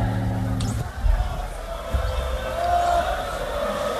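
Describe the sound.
A crowd applauds and cheers steadily for several seconds for a performer, a dense wash of clapping and noisy voices with a few louder bursts, heard from within the audience.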